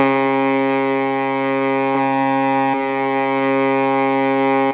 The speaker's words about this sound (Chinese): 好的，现在已经是12点整了，我们已经听到了港口下达了开渔指令啊。那现场呢是这个发动机轰鸣，一艘艘渔船呢是发动引擎。